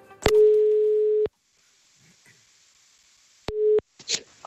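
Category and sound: signal or alarm, telephone call ringing tone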